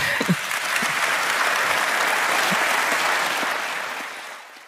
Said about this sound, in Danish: Det var nok også en af de større klapsalver på årsmødet.